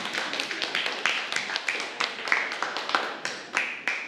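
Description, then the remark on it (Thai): A class of students applauds groups 1, 2 and 3 after a review activity on Asian regional history, a steady patter of many overlapping hand claps with sharper individual claps popping out, moderately loud and continuing for several seconds without any talking. “เพราะฉะนั้นแฟนพันธุ์แท้ประวัติศาสตร์ภูมิภาคเอเชียมีทั้งหมด3กลุ่มด้วยกันขอเสียงปรบมือให้กับกลุ่ม1กลุ่ม2และกลุ่ม3หน่อยค่ะ”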